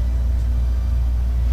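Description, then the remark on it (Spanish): A loud, steady low-pitched engine rumble of a bus that was on fire, on the bridge over the lake, holding constant throughout with no voices over it. “Un autobús venía prendido.”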